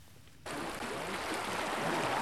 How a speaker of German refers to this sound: Die Sonne scheint, im Hintergrund hört man Wasser plätschern.